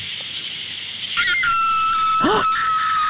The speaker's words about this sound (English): That's a coyote fox.